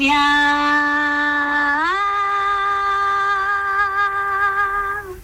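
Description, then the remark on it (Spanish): A single long, loud shout held for about five seconds, starting on a steady pitch, then sliding upward and sustaining the higher note before fading at the end, recorded as the final shout for a Christmas carol. “Voy a poner un gritito final.”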